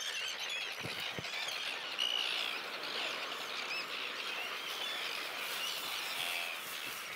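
A dense chorus of terns calling while courting at their breeding colony on an old pontoon at the Banther See, where 435 pairs nest; many overlapping harsh, high-pitched squealing cries sounding continuously and fairly loud, with no talking.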